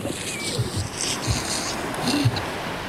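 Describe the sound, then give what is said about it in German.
A heavy canvas tarpaulin covering lifeboats on a ship's outer deck rustles and scrapes as it is dragged aside in a few rough pulls, over a steady outdoor wash of wind and water. “Über den Booten ist eine Persenning. Wir ziehen sie beiseite.”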